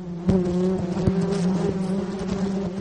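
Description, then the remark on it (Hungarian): A dense, steady drone of many honeybees buzzing together around a hive, fairly loud, with the hum holding a constant pitch and small individual buzzes flickering through it. “Egyetlen kaptárban akár 50-60 ezer méh is élhet egyszerre.”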